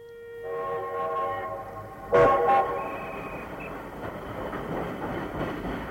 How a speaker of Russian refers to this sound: Необычный поезд проводил на этой неделе с Московского вокзала корреспондент «Последних известий». Тепловоз увез в столицу состав вагонов метро